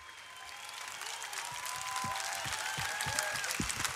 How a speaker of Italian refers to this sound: Un grande applauso per ….